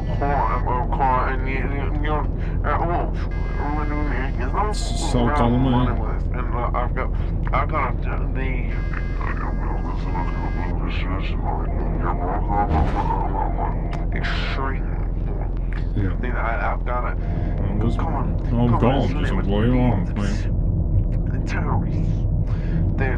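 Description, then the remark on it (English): A steady, droning low rumble of airplane engines inside the cabin of a plane, where the speakers are standing, fills the background without pause while voices talk over it. “We are standing on a plane”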